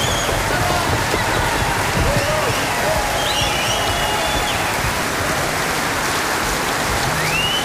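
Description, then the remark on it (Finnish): Dense, steady applause from a large concert audience after a performance, a continuous crackling wash of many hands clapping at once, holding an even loudness throughout with no pauses. “Hei, mäkin haluan olla paikalla silloin, kun yleisö nousee jonkun esityksen jälkeen seisomaan ja joku huutaa sieltä bravo.”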